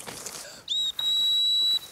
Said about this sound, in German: pfeift Perle zurück, denn sie soll das Niederwild nicht erlegen, sondern nur aufschrecken